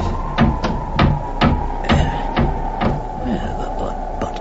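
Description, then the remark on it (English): An old wooden pigsty door, almost off its hinges, being forced open: a steady series of about nine heavy, rattling thuds, fairly loud, over a low constant hum, with no talking. “A damned old door, almost off its hinges.”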